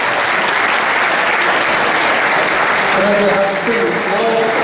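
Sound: loud applause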